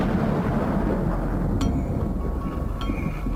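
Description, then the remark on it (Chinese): A deep, continuous rumble of thunder from a thunderstorm still going at 8 p.m. on April 7, delaying the planned launch of the AsiaSat 1 satellite. It is loud and steady, with two brief faint clinks cutting through partway in. No one speaks. “原本计划4月7日19:30要发射的亚洲一号，到了20点，雷雨一直没有停止的迹象。”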